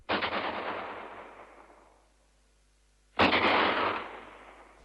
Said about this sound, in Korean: 들었죠? 저쪽 산에서 공습경보 총소리가 울립니다.